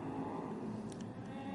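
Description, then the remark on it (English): The safety car of a sports car race drones loudly and steadily as it passes by on the street circuit at Long Beach on a Saturday, a thick, buzzing roar with a tonal whine throughout the brief moment, no voices. “So the safety car in this time by.”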